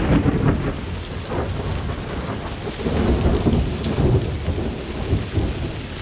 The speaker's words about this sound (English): It had become pitch dark. The air trembled with lightning. Thunder and horrible cries for help from the drowning people.